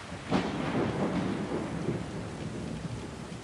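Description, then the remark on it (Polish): A thunderstorm over Rome with steady rain, a deep crack and rumble of thunder early on that rolls and fades into a continuous low grumble beneath the hiss of rainfall. “Nad Rzymem przetacza się burza.”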